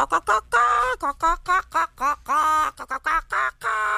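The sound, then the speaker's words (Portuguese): A human voice imitates a hen singing: a fairly loud run of nasal, squawking cluck-like bursts in a bouncy rhythm, with a few longer drawn-out notes. “A galinha cantava assim.”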